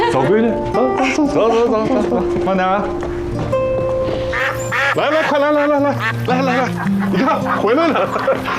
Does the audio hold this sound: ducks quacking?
yes